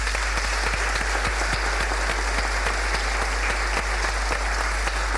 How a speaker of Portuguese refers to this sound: mas uma grande salva de palmas para ela também.